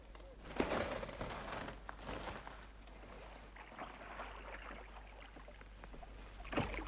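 Oars dip and splash through lake water at an unhurried pace, with sloshing and creaking between strokes as a small boat is rowed out for fishing. No one speaks.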